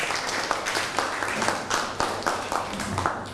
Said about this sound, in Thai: นั่งลงครับปรบมือให้เพื่อนหน่อย